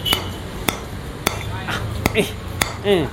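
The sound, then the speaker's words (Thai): Hammer blows ring out in a steady, unhurried series of five sharp, loud strikes, each about half a second apart, with brief bits of voice between them, while a sign advertising alcohol is being put up. “ตอกอะไรอะเฮีย”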